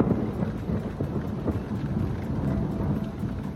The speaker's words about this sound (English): those were the thunderstorms keeping people awake last night.